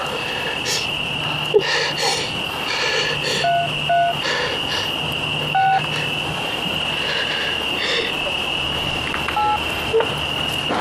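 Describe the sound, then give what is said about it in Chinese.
A handful of short keypad beeps from a mobile phone being dialed to call the police, spaced irregularly, set against a steady nighttime chorus of frogs and insects droning throughout. “你又打不赢，我可以叫个手机报警。”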